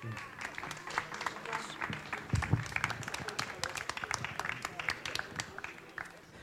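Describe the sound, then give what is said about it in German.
An audience applauds steadily as Volker Weber, chairman of the Wartburg Radio Verein, is called onto the stage, many hands clapping in a dense, crackling wash that holds at a fairly even level for several seconds, with a brief louder thump partway through. “Applaus.”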